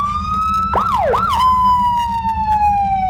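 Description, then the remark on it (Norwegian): A police car siren sounds loud, a steady wailing tone broken by two quick swooping yelps before it settles and slowly slides lower, with a low engine rumble underneath. “Vi har ikke lov å nøde til at han etterligner deg som sirene, men vi har lov å lage litt sånn ulelyd da.”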